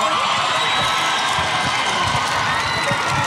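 A large crowd at the Team Summer Hits stage show cheers and applauds a returning singer in a steady, dense roar of claps and shouts that holds at an even, loud level throughout, with occasional higher whoops rising above it.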